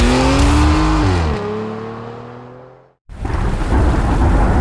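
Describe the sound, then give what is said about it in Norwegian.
A loud engine roar fades out, then after a brief silence a steady, dense hiss of heavy rain starts abruptly and continues loud, with no talking. “Ja, der kom regn igjen.”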